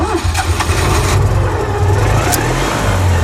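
A small Citroën 2CV engine revs with a rough, buzzy, uneven sputter, its low throbbing pitch rising and falling steadily throughout, loud and without voices.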